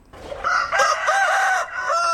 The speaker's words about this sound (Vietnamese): Tiếng gà gáy báo hiệu bình minh cũng là lúc mẻ bánh nóng hổi được vớt ra lò để kịp giao cho khách.